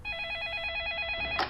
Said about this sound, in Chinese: 执行局立刻接到了电话。